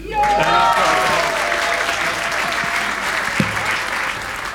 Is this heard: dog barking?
no